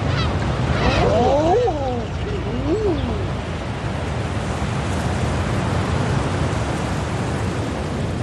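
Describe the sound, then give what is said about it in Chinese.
Several soft, crooning calls of adult common eider ducks, females gathered together watching over their chicks on the sea, rise and fall over a couple of seconds, set against a steady wash of sea surf that continues alone after the calls fade. “海面上，留意这些雏鸟的成年欧绒鸭越多越好。”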